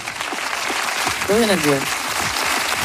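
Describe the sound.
Steady, dense applause fills the whole stretch at an even level, with a short voiced sound rising briefly above the clapping partway through.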